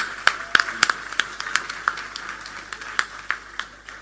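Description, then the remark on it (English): An audience applauds to give Jesus a hand, with a loose, irregular patter of sharp claps, some louder ones standing out, continuing steadily for a few seconds without any voices. “Can we give Jesus a good hand?”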